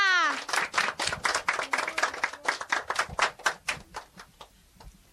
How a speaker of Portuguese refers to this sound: Pelo menos a nossa colega foi, né? Sim! A nossa amiga foi, né? Sim! Palmas pra ela!